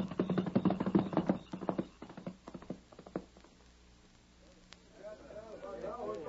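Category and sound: animal, horse hooves clip-clopping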